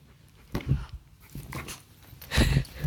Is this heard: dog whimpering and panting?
yes